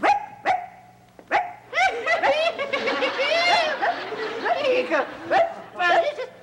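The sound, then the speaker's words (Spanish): A person mimics a small dog's yappy barking in quick, high-pitched bursts, with bits of chatter and a snicker mixed in around the yaps. “Pareces perro chihuahueño.”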